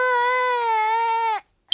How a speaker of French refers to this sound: Toudou se demande pourquoi ce bébé doudou pleure autant.